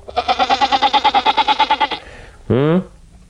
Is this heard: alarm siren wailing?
no